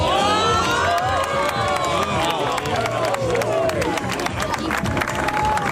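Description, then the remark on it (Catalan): A crowd of about three hundred people at the Observatori de l'Ebre claps steadily and continuously, with cheers and raised voices mixed in throughout. The sound is loud and dense, holding at the same level from start to end. “Unes 300 persones han aplaudit aquí.”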